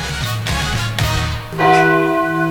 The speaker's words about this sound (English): We're live from the old church on Highway 28. Ring the bell.